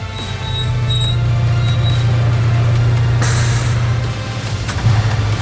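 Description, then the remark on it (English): A bus engine rumbles loudly and steadily, then a sharp hiss of air brakes bursts out as it pulls up, followed by a brief second puff of air. “If you're standing at the bus stop this morning, you might spot an unusual passenger.”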